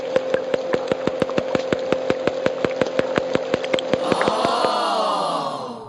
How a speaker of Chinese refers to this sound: 最后呢，再让我们听一下虎鲸的滴答声。